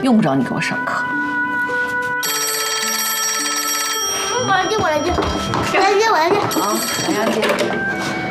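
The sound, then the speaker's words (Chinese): A telephone rings in two loud electronic bursts, the first lasting nearly two seconds and the second shorter, while voices talk excitedly around it. “我来接，我来接，我来接，我来接。 喂，找谁呀？”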